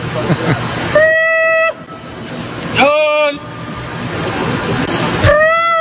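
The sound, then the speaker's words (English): A person loudly imitates an animal's call to scare off macaques, giving three harsh, rising hoot-like bursts spaced a couple of seconds apart, forceful over a noisy outdoor background. “I mean, that sound would make any macaque shy.”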